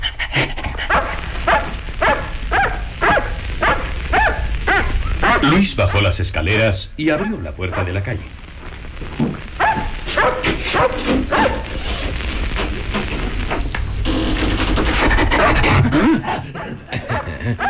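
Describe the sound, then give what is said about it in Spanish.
A dog named Robert whimpers and barks, apparently wanting to be let outside to relieve itself, in a run of short, repeated high-pitched yelps. The sound is fairly loud, and a voice narrates over the noise. “¡Qué perro tan extraño!”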